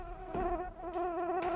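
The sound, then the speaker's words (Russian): A housefly buzzes in a steady, wavering drone that rises and dips slightly as it moves, with a couple of faint soft knocks in the background and no talking. “Да черт подери эту муху.”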